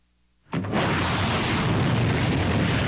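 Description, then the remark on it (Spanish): A sudden, heavy explosion from a missile attack in the Middle East during cross-strikes between Israel and Iran bursts out after a brief quiet, followed by a loud, sustained roar and rumble that fills the rest of the moment without fading. “Misiles surcando el cielo, explosiones estremeciendo ciudades y sirenas de alerta marcaron una jornada que devolvió al mundo el temor de una escalada en Medio Oriente.”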